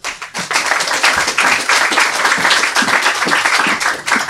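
A crowd applauds steadily, a dense wash of many hands clapping at once, loud and sustained for a few seconds before tapering slightly at the end.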